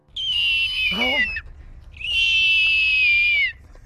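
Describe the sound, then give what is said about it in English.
A person from Falmouth imitates a hawk's cry with two long, piercing, high-pitched screeches separated by a brief pause, the first one dropping into a lower warble before trailing off. “imitating a hawk.”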